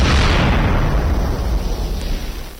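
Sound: explosion sound effect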